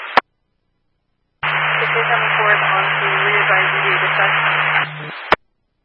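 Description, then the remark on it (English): Loud hissing radio static fills about four seconds over a steady low hum, with a muffled voice faintly buried beneath it, bracketed by a brief crackle at the start and a sharp click at the end. “Go ahead, I'll try and copy, but there's a lot of static.”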